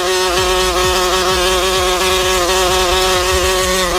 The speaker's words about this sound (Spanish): Ah, bueno. Hay una mosca aquí en la cabina.